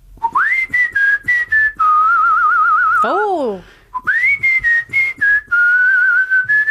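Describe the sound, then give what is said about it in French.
A person whistles a song melody, clear and loud, moving in short stepped phrases with a wavering held note, broken midway by a brief sliding vocal exclamation. “Mais je peux le siffler.”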